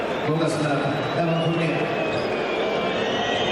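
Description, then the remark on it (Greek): A basketball arena crowd boos in a loud, sustained, low-pitched roar as Fournier goes to the free-throw line for two shots with 2.9 seconds left in an Olympiacos game, with droning tones swelling early on before settling into a steady wash of crowd noise. “Ακούτε τις αποδοκιμασίες.”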